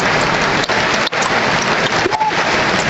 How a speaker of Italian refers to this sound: Gli applausi che sentite sono per De Kuyper che esce dal campo, così come il numero 21 anche Boscagli che esce dal campo.